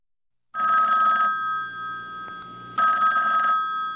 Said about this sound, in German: Stellen Sie sich vor, liebe Zuhörerinnen, das Telefon klingelt, Sie heben ab